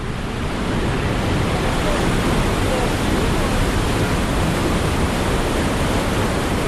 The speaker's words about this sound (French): le volume d'eau est très important et effectivement on va s'approcher parce qu'on entend un sacré vacarme.